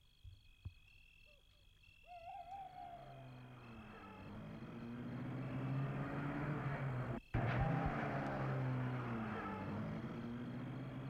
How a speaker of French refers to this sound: La voiture suit une allée dans un parc qui a des arbres et des haies.